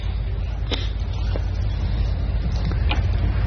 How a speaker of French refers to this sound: Le son du bateau.